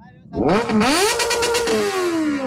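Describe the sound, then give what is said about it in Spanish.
A motorcycle engine revs up sharply into one loud, sustained roar, its pitch climbing and then holding steady before slowly easing down over about two seconds. “Échese ahí un rugido para la gente de 949, por favor.”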